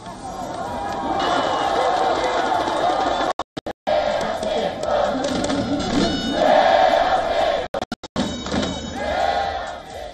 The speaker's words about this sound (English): Now, back in Seoul, fans had watch parties to cheer on their team. They erupted in celebration after the dramatic win. Take a look.